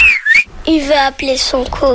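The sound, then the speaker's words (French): A person whistles to call a dog: a short rising-and-falling whistle, followed by a series of tonal, voice-like calls in quick succession, each brief and fairly loud. “Pour appeler son chien, comme ça, s'il siffle, ça veut dire viens.”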